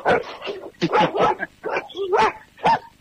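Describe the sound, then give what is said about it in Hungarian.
Several dogs bark in a rapid, overlapping burst of sharp yaps and woofs, with a few higher whining yips mixed in, loud and continuous for about three seconds. “És közben itten kutyák vannak.”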